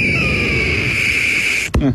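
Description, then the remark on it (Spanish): A long, steady, high-pitched eagle screech holds for well over a second at strong volume, then cuts off with a sharp click as a voice begins speaking. “Ahí sonó el águila, pasó por aquí.”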